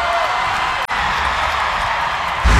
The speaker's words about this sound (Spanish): ¡Un aplauso más fuerte para esta evidencia de la música!